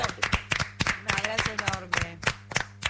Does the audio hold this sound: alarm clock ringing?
no